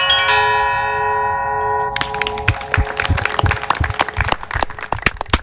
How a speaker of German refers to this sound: der mit seinen beiden Händen ganz virtuos die Glocken schlug.